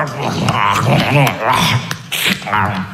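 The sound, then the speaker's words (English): A voice imitates a lion growling and chomping as it eats a zebra, with continuous rough snarls, snorts and gnashing noises lasting about three seconds. “It's like the same, when you hear the sound of the lion eating the zebra and you hear all that.”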